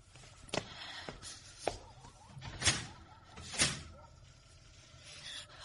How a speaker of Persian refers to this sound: در رو قفل کن، ممکنه کسی بیاد تو.